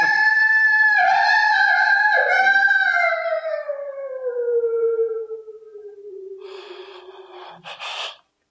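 A long, mournful wolf howl rises and then slowly slides downward in pitch over several seconds, fading out, followed by a few brief breathy snorts or gasps at the end.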